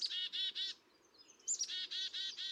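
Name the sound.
black-capped chickadees calling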